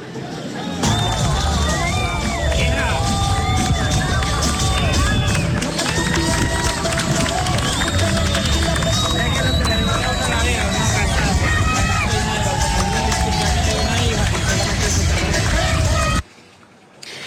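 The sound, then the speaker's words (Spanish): A loud crowd of tourists cheers and claps on a beach in Santa Marta as police urban special operations commandos arrive to greet them: a dense, steady hubbub of voices, whoops and applause that runs unbroken for about sixteen seconds, then abruptly drops away. “La gente aplaudía, se sentía segura, especialmente en el Rodadero, al ver la presencia de policías y militares que les estaban dando seguridad.”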